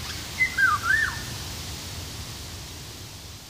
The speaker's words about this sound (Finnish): Myös tieteellisen nimen Oriolus oriolus epäillään kuvaavan linnun ääntelyä.